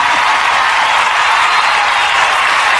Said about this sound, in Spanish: Y ahora pedime un aplauso para mí. Fuerte el aplauso para esta dama hermosa que nos acompaña.